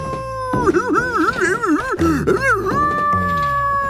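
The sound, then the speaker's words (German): A dog, Wuffi, holding its nose with both paws and lying flat on the floor, whines and howls pitifully, a high, wavering cry that warbles up and down in several drawn-out bursts, then ends on a long, steady plaintive note. No one speaks. “Wuff hält sich mit beiden Pfötchen die Nase zu, wirft sie flach auf den Boden und er jault noch jämmerlicher als zuvor.”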